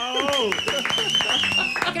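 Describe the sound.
A few people clap in a quick, uneven patter under lively talking voices, with a steady high-pitched tone running through the whole moment.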